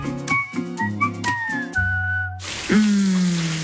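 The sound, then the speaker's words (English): A whistled melody plays, then shower water bursts on with a loud, steady hiss while the whistling carries on over the spray. “Shower time.”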